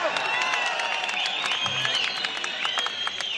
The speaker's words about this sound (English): So, I'll tell you what. There have been some very rude people here in the front yelling for a song